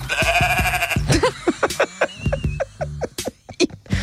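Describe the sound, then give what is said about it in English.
A sheep lets out a long, wavering bleat, then a quick run of short, choppy bleats that sound almost like giggling, fairly loud with no one talking. “Oh, is that a giggling sheep?”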